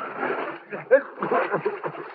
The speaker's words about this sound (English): Look out! The boat's hitting me!